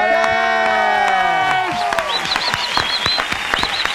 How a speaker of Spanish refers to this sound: Y qué bueno hoy poder darle la bienvenida y un aplauso, por favor, de parte de todos